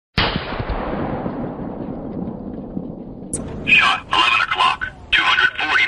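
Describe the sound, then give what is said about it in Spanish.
A single loud gunshot cracks out, its boom rolling away in a long echoing tail for about three seconds, then the synthetic voice of a Boomerang gunshot-detection system announces to a patrol the shot's clock-face direction and distance: 11 o'clock, 240 metres. “cuando Boomerang detecta un disparo, produce un mensaje de voz en el que indica a la patrulla”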